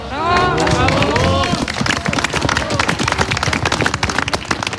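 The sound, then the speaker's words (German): Voices with rising and falling pitch ring out briefly, then an audience breaks into steady, dense applause for children playing shepherds in a nativity play on a wintry stage at the Salzburger Bergadvent in the Großarl valley in the Alps, with many hands clapping rapidly and fairly loudly until the end. “Applaus für die Hirtenkinder auf der winterlichen Bühne.”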